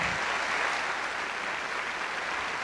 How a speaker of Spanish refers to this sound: Así que pido un fortísimo aplauso para recibir en este teatro